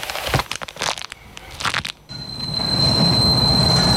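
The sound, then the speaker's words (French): A two-car railcar brakes hard in an emergency, its buffers locking, after running over two people on the track just past a tight right-hand curve: a burst of crunching, clattering impacts gives way to a steady high-pitched metal squeal over a swelling, loud rumble that holds to the end. “Charles freina d'urgence, bloquant les tampons.”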